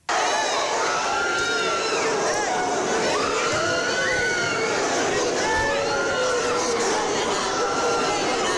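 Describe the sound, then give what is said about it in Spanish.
At an airport in the Basque Country, a crowd welcoming members of a Gaza flotilla shouts and yells continuously during a charge by the Basque police, many overlapping voices rising and falling in pitch, loud and chaotic throughout, with no single speaker standing out. “Estos son los gritos con los que respondían parte de las personas que asistían a esa recepción ante una carga que yo creo que es completamente desproporcionada por parte de la policía en este caso, de la policía vasca en este caso, ¿no?”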